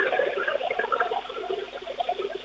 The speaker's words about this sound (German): Dann lauf mal los, zeig uns deine Klospülung.